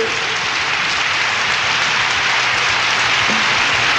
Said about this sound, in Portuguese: Acertou! Então palmas pra ele, oi!